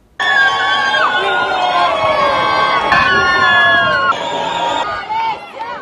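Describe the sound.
A large crowd of wedding guests applauds and cheers loudly and continuously as Italy goalkeeper Gianluigi Donnarumma and his bride leave the Chiesa Madre di San Giorgio Martire in Locorotondo, Italy, with excited shouts and voices rising above the steady clapping for about six seconds.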